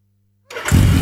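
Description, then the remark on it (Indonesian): After a brief silence, the engine of a new, latest-release motorcycle cranks and catches, quickly swelling into a loud, steady roar that fills the rest of the moment with no voices. “Buh, motor baru nih. Masih mulus kinclong banget sih.”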